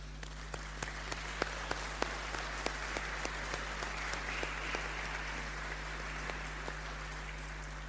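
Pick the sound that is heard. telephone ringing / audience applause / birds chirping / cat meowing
audience applause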